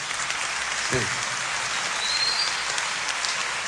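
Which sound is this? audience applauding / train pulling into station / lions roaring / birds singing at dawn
audience applauding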